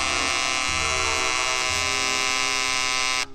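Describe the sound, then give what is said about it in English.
A loud, steady electric alarm buzz from an RCA Victor personal clock radio drones continuously for about three seconds, harsh and rich in overtones, then cuts off abruptly. No voices are heard. “Yes, 10 minutes after the radio automatically goes on, the personal's alarm can buzz to make sure you don't oversleep.”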